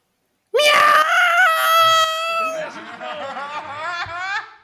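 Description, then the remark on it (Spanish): A cat with its paw caught lets out one long, loud, pained yowl lasting about four seconds, its high pitch wavering and sliding downward before it fades slightly toward the end. “Un gato al que pillaron una pata.”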